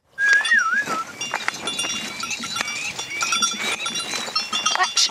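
A herd of goats and cows in an open outdoor space, with overlapping bleats and calls, a short whistle near the start, and faint clanking like bells throughout.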